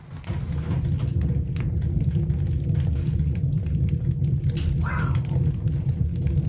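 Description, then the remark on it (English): A fire roars steadily inside a custom-designed stove, lit for about 30 minutes, a loud, continuous low rumble with only faint scattered crackles on top and no talking. “My custom design, so this is less crackle and more roar.”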